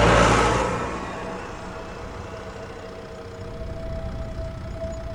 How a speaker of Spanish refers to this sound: Mientras otros dormían, él sembraba, regaba o araba bajo la luz de la luna y el ruido constante de su viejo tractor rojo.